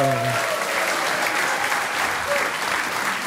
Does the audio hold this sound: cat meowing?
no